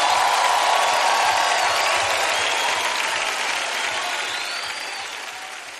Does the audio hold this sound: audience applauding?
yes